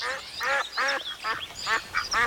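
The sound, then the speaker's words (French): A very agitated duck quacks in a rapid, uneven string of about six or seven harsh, nasal quacks, loud, with no talking. “une petite fille nommée Olga et un canard très énervé”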